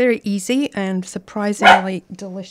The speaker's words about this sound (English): Excuse me, that's my dog.